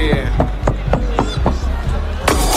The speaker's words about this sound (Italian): Lo facciamo un applauso al sindaco